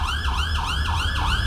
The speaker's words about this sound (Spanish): A las 7:34 minutos de la mañana, varias iglesias del país tocaron sus campanas. Las sirenas en las estaciones de bomberos se activaron.